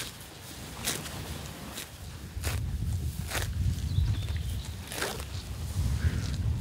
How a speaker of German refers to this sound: Das sind doch schöne Geräusche, wie so Kühe das Gras abrupfen. Bloß nicht weit bewegen, schön um einen rumfressen. Aber es ist auch eine gute Koppel hier.